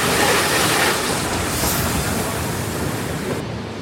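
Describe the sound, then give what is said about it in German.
A special train at platform 1 of Darmstadt main station at 12 o'clock on 11 May 2013, running to Darmstadt-Kranichstein for the Kranichsteiner Bahnwelttage, gives off a steady, fairly loud rumble and hiss that stays even throughout, with no voices. “Einer der Sonderzüge vom Darmstädter Hauptbahnhof nach Darmstadt-Kranichstein, an dem an diesem langen Wochenende die Kranichsteiner Bahnwelttage stattfinden.”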